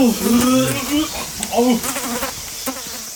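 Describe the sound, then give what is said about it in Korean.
Persistent buzzing of several dung flies around human feces in a drainage ditch, the droning pitch wobbling and swelling as they circle and dart, continuous for a few seconds with no voices. “아, 씨, 똥파리 보인 것 좀 보십시오.”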